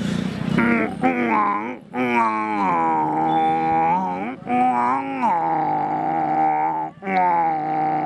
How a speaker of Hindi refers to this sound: और लिए चलते हैं, जिस क्षेत्र के हम रहने वाले हैं उस क्षेत्र का एक पशु भी है, यानी कि ऊँट स्थान का जहाज ऊँट कैसे गर्जना करता है।